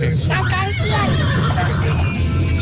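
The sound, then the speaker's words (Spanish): A horse whinnies, a loud, wavering, trembling neigh that rises and falls over a couple of seconds against a steady, busy background with some voices. “La salsa, hola, caballo. Hola, caballo. ¿Cómo estás?”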